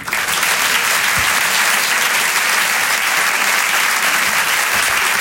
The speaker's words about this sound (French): Une artiste qui va nous rejoindre maintenant, ancienne journaliste, devenue aujourd'hui humoriste, comédienne, auteure. Je vous demande, pardon, de l'applaudir très fort s'il vous plaît.